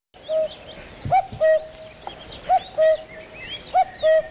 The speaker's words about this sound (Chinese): 山野间传来布谷鸟催春的信息，居住在哀牢山区的彝族花落人知道， 时候到了。